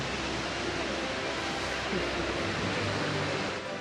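A steady, dense roar of rushing water from a powerful waterfall, heard at a viewing observatory, loud and unbroken with no pauses or changes.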